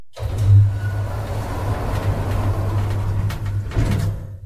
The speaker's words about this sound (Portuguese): Depois da saída do carro na garagem, é tempo de subir ao andar superior, no elevador.